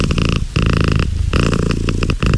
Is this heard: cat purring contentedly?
yes